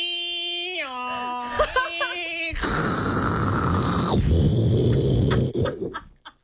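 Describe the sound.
A voice imitates a dial-up modem connecting: a run of stepped, warbling beeps and boops, then a long, loud hissing screech of static that cuts off abruptly.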